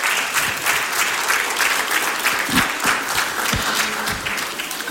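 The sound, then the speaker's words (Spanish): An audience applauds for the Lord, a dense wash of clapping hands that stays loud and even throughout, with no voices standing out above it. “Póngase de pie, denle un aplauso al Señor y dejo este lugar a mi pastor.”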